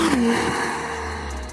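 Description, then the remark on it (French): A hybrid NSX sports car with a 3.5-litre V6 e-turbo engine roars loudly as it accelerates hard in a straight line, a deep continuous growl with a brief whine near the start and no voices. “Oh, le son du moteur ! Ce V6 e-turbo de 3,5 litres, mais c'est pas un son qui fait, c'est un rugissement.”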